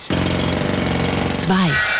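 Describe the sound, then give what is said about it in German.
A Kango breaker hammer pounds loudly in a fast, steady rattle for over a second, then cuts off abruptly, followed by a short voiced sound with a falling pitch. “Also da der Hammer, der Kango-Hammer und die Eis.”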